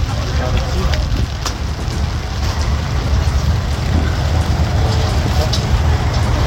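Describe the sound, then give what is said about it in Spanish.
Steady rain hisses and patters over a loud, constant roar of wind buffeting the microphone in Tarapacá, at the area where people board buses. The downpour is dense, with no pauses through the whole stretch. “Lluvia y viento.”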